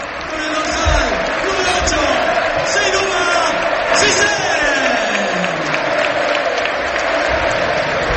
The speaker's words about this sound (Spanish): El aplauso, pues, Jolín. Donado, es un jugador querido en Butarque.